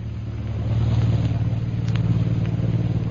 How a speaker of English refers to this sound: Jungle Jim and Shanghai Lil are standing near Bhutan's hut watching a plane that is about to take off.